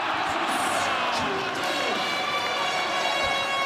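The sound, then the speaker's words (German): A large crowd at a public viewing in the ice rink in Verriers cheers loudly and steadily as the German national football team beats Curaçao 7:1, a dense, continuous roar of many voices with overlapping shouts that holds at full strength for the whole few seconds. “So klang es gestern Abend in der Eishalle in Verriers beim Public Viewing.”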